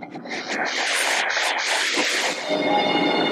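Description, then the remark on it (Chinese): A bullet train carrying lychees rushes along the rails in Yunnan, China, with a steady, loud roar and rushing hiss, broad and sustained throughout, brightening toward the end as it passes by. “如今，窄轨的滇越铁路渐趋沉寂，新兴的动车疾驰穿越，鲜红的荔枝乘上列车，自深山出发，前往昆明等周边城市。”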